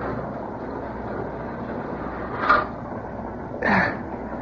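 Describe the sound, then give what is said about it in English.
A heavy boxcar door slides and bangs shut in two short, harsh bursts of metal over the steady low rumble of a moving train. No one speaks. “Better close the door.”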